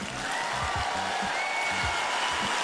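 An audience at a Finesse Mitchell stand-up comedy show claps steadily at his prompt, a dense crackling wash of many hands that holds at an even loudness throughout, with a few low murmurs underneath.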